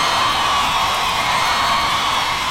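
A crowd applauds and cheers loudly and steadily, a dense wash of clapping with whoops and shouts mixed in, continuing without a break.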